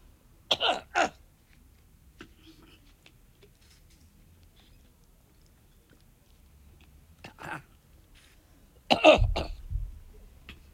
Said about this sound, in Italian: Chiedo scusa, pausa tosse.